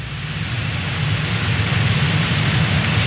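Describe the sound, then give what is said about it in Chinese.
A loud, steady jet-engine roar from an airplane flying by, with a dense low rumble and broad hiss sustained evenly throughout, no voices present; the airplane was invented by Guangtouqiang and attacks moving objects it sees. “果然如此，飞机只攻击他看到的移动物体，我们伪装起来就可以了。”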